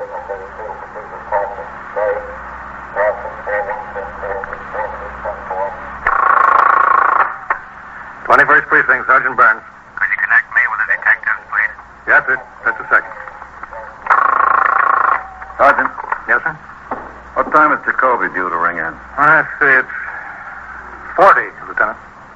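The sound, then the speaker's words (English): A call on KEA, the police radio, crackles over a monitor speaker at a police station house: tinny, narrow-band voice transmission with bursts of static and squelch, fairly loud, running on in choppy stretches. “The stillness was broken occasionally by the hum of the switchboard or a call over the monitor of KEA, the police radio.”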